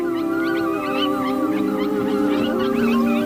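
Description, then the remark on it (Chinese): A chorus of Arctic wolves howling during the snowmelt season, several long, sustained tones overlapping at steady loudness, with higher wavering yips and cries layered on top throughout. “那是狼标志性的、富有穿透力的呼唤。”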